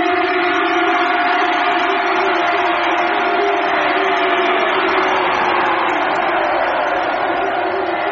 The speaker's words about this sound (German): Erhebt ein Kampfgeschrei, denn der Herr hat euch die Stadt gegeben. Und das Volk brach in lauten Jubel aus.